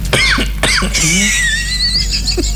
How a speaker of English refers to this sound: I know you're coughing. There has nothing to do with this.